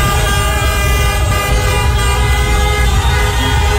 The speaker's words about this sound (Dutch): Een groot feest weer in Rotterdam, waar Kaapverdianen vierden dat ze weer een WK-punt hebben gepakt na eerder gelijkspel tegen Spanje, nu 2-2 tegen Uruguay. Dus getoeter in Rotterdam.